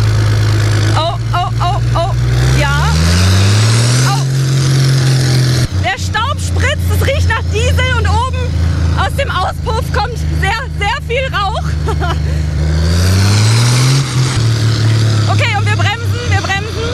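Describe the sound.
A tractor engine rumbles loudly and close by, its pitch climbing twice as it revs up and settles, while people talk over the steady drone.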